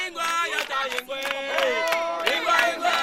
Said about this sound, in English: Nine years ago, 2017, in a small, remote, and extremely poor West African community, I've joined a crowd of local villagers who've just broken out in song. There's unbridled joy.